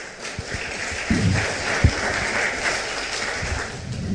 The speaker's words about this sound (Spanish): ¿Cuántos dicen gloria a Dios? ¿Le puede dar un aplauso fuerte al Señor?